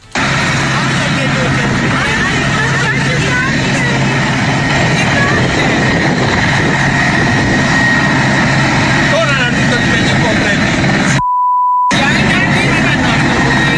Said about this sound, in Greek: Λουόμενοι καταγράφουν με το κινητό τους τηλέφωνο την επικίνδυνη προσγείωση ελικοπτέρου στην παραλία Ζωγεριά το μεσημέρι του Σαββάτου. Ένα τεράστιο νέφος σκόνης σηκώνεται από το έδαφος.